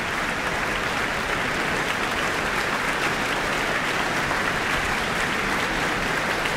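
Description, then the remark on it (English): Sustained audience applause for pianist Sophia Liu at an Auckland Philharmonia concert, after her Chopin Grand Valse Brilliant encore that followed Beethoven's Piano Concerto No. 4; a dense, even wash of many hands clapping at a steady loud level throughout, with no voices standing out above it. “Further applause, and she's back on the stage.”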